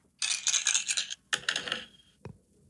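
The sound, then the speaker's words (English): Digital dice, rolled to pick a prize draw entrant, clatter in two quick rattling bursts, a hard tumbling sound, followed by one last sharp clack as they settle. No one speaks. “I got the dice ready. Roll for it.”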